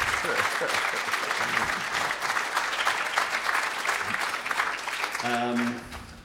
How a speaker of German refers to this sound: Euer Applaus.